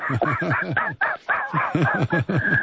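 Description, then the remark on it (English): A person imitates a seagull, letting out a rapid string of about a dozen loud squawking cries with a short break partway through. “Man, you can't talk like a seagull.”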